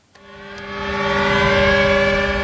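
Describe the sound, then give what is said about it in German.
A loud, sustained air-raid siren wails steadily, starting abruptly and swelling in volume with a rich, harmonic drone that holds on without pause; no one speaks. Memorial sirens over the Westerplatte in Gdańsk, Poland, marking Germany's invasion on 1 September 1939 and the outbreak of World War II. “Mit Sirenen über der Westerplatte erinnert Polen jedes Jahr an den Überfall Deutschlands am 1. September 1939, an den Ausbruch des Zweiten Weltkriegs, so wie heute.”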